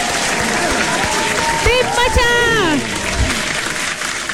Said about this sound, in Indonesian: Aku nak cari tepuk tangan ni.